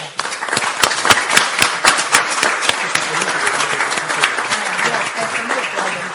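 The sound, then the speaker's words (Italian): A crowd applauds an assessore (regional councillor) after a speech at a book presentation, dense steady clapping with a few sharp, distinct claps standing out early on, holding at an even level for several seconds before easing slightly. “Ringrazio l'assessore, tra l'altro applauso meritato,”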